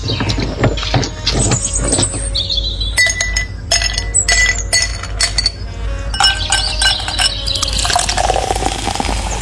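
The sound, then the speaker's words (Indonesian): Ice cubes clink and rattle repeatedly against a glass as an iced sugarcane drink is made, with a splash of liquid poured in toward the end. No one speaks. “Mel, satu gelas yang manis ya, semanis kamu.”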